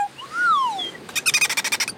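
Séraphin the dolphin squeaks while swimming beside a boat and jumping in the water: one long whistle swoops up and back down, then a quick, loud string of about a dozen chattering, clicky squeaks follows, with no voices.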